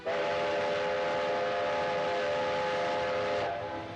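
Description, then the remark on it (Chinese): A train carrying boxes of oracle bones to Nanjing rolls along the tracks with a steady, loud rumbling noise while a long, sustained steam whistle sounds throughout, tapering slightly near the end. No one speaks. “铁路恢复运行，甲骨箱也被装车运往南京。不料火车走到中途又出现故障，再次停运等待修理。”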